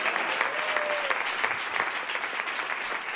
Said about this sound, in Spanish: ¿Cuántos alaban al Cristo de la gloria? Denle fuerte aplauso al Cristo de la gloria, a su nombre.